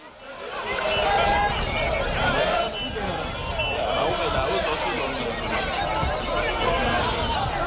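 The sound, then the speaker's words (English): A crowd of thousands marching in Tembisa against illegal immigration and crime: a dense, steady roar of many overlapping voices and shuffling, with shouts rising now and then, loud throughout after a brief quieter start. “This is thousands, by my estimation, and I'm no audience or crowd expert, but it looked like thousands of people in Tembisa marching, they said, against illegal immigration and crime in the area.”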